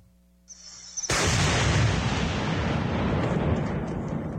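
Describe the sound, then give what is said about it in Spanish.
A loud explosion erupts suddenly after a brief quiet hum, in the Amazon jungle of Napo province during military operations against illegal mining; its deep rumbling blast fills the air and sustains a heavy, roaring wash of noise that slowly lingers, powerful. “Explosiones en medio de la selva amazónica.”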